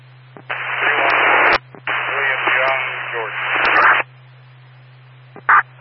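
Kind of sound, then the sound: signal or alarm, radio transmission static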